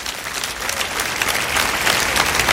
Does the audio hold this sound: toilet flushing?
no